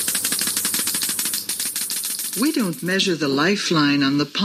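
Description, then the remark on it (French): A Geiger counter crackles with rapid, dense clicking, fairly loud, running alone for about two seconds before a person starts talking over the continuing clicks. “Elle le fait au moyen d'un compteur GGR. It's done with a Geiger counter.”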